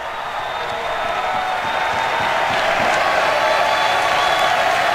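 A crowd applauds and cheers steadily at a baseball game at Hauser, showing appreciation for batter Cal Fisher's fight in a 2-2 at-bat, a dense continuous roar of clapping and voices that holds loud throughout and swells slightly toward the end.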